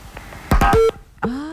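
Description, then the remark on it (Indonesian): A caller's phone line connects but then goes dead. It crackles with a few clicks, then a short steady beep cuts off and a sustained electronic tone comes on, fairly loud, with no one speaking. “Sudah terhubung tapi mati ya.”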